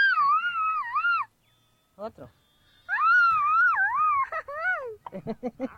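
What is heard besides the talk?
mexican grito shout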